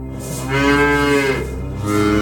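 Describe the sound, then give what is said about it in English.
Cows moo loudly, one long, drawn-out, harmonic low then a second call rising at the end, with no talking over them. “Bring the cows in”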